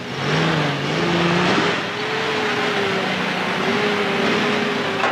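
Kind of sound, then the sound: vehicle, car engine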